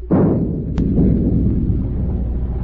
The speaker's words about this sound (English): Stand by to open fire. Aye, aye, sir. Forward gun loaded. Fire a shot across her bow.